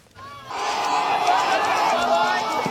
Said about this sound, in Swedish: Kinesiska studenter springer ut efter 2 dagar av hårda examinationer i en video publicerad av den statliga kinesiska nyhetsbyrån Xinhua.